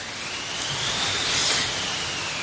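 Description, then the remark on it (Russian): Steady, rushing wind noise that swells toward the middle and eases again, with a thin whistling howl riding high above the broad roar. No voices are heard. “Как воет, как воет.”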